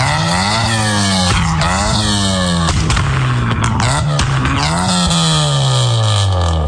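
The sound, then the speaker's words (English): A loud, raspy modified car engine revs repeatedly, its pitch climbing and falling in several sharp bursts, with an aggressive aftermarket exhaust tone filling the continuous recording. “Back when I was in high school in the mid-2000s, if you had a car that sounded like this...”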